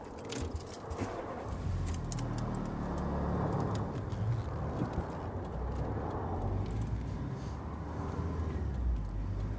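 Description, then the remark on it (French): A car engine rumbles steady, loud and low as the car pulls away again from beside a motorway after the driver has checked its wheels, with a light jingle of keys near the start. Nobody speaks. “Repartir.”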